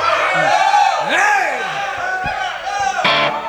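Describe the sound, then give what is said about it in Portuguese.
A theatre audience cheers and whoops loudly, many voices rising and falling in overlapping shouts with a few high cries standing out, sustained for the whole few seconds, making noise after a performer on stage asks them to. “Se vocês fizerem barulho, eu acredito.”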